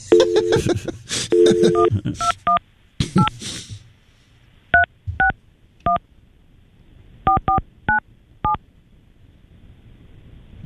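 A phone number being punched in on a keypad: a string of about a dozen clear dual-tone beeps at an uneven pace, with some noisy rustling mixed into the first few seconds.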